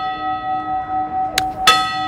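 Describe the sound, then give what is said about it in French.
The church bell of Capbreton in the Landes, France, rings with a long, shimmering hum, then two fresh strikes land close together near the end, loud and clear with no voices. “son micro ici et la cloche de Cap-Breton donc dans les Landes.”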